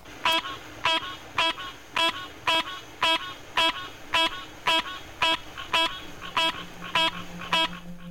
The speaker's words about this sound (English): In another species, the green tree frog, Hyla cinerea, sounds are produced when air is expelled from the lungs at more or less regular and well-spaced intervals.